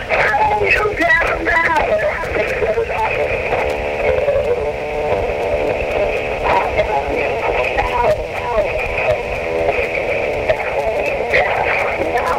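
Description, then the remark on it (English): A radio broadcast heard faintly through a phone line on a voicemail message, thin and tinny, with muffled voices and tonal sounds running steadily for the whole stretch at an even, moderate level. “I just had to let you know what phone is on the radio right now. Listen.”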